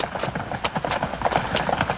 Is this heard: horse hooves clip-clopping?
yes